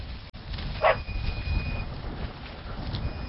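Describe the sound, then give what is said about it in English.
A dog running alongside a tractor gives one short, sharp bark, heard over the steady low rumble of the tractor engine outdoors on a farm with sheep and cows. “his dog Hua Hua is behind and running alongside us”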